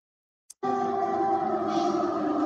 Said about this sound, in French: Les sirènes d'alerte retentissent au cœur de la nuit dans une grande partie de l'Ukraine.